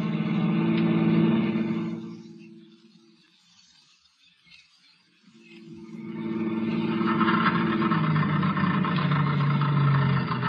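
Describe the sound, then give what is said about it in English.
A car engine running out of gas runs loudly, then falters and dies away to near silence for a few seconds before coughing back up to a steady, rough roar. “Well, that's the end of the gas.”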